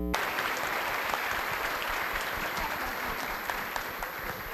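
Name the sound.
audience applauding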